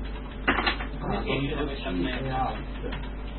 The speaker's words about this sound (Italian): Come si sentirà ormai la tastiera qua?